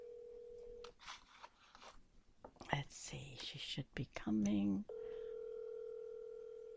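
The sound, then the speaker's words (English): A steady telephone ringing tone for an outgoing call, heard twice: a short burst at the start and a longer one at the end. Soft talking and a brief warbling tone fill the gap between. “She may not always, because she's up north, you know, she may not always hear the phone ringing.”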